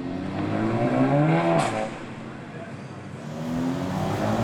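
A red car in heavy city traffic drones and revs with a steady tonal hum, broken by a sharp, loud exhaust pop from its exhaust system partway through before the engine note rises again.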